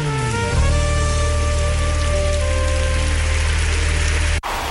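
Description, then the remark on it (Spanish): An audience claps steadily in a dense, crackling wash of applause, layered over sustained keyboard or organ chords that hold throughout before everything cuts off abruptly near the end. “Dale fuerte el aplauso.”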